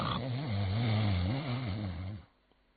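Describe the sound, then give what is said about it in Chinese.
A storyteller imitates the loud, rumbling snoring of the character Cheng Yaojin in one long, wavering drawn-out breath lasting about two seconds, strong, then it cuts off into near silence. “可是再一听啊，这位程大爷呼噜打得震天响。”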